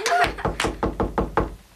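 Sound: knocking on a door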